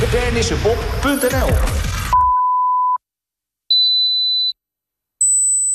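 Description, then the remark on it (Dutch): Three steady electronic beeps follow once a stretch of talk over busy sound cuts off. Each beep lasts under a second, with short gaps, and each is clearly higher-pitched than the one before. “Hoorde u geen drie piepjes zojuist?”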